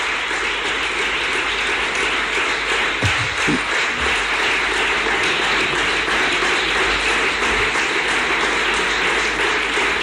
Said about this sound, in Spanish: El aplauso más largo hasta ahora a Juanma Moreno en referencia a esa ley de garantía de sanidad pública que ha ofertado en este programa de gobierno que está presentando en el Parlamento andaluz cuando son las 12:44.